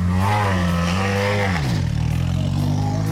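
rally car engine arriving

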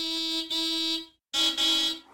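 car horn honking

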